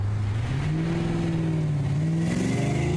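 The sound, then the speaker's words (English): A car engine revs steadily higher as the driver puts the accelerator down firmly to test its power, its droning pitch climbing and wavering over a few seconds, loud with a constant road rumble underneath and no voices. “The car surged forward impressively, but at the same time, a queer swaying motion gave me a real scare.”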